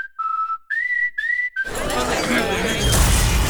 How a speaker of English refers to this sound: Seems a rogue space capsule just crashed this party, Jax.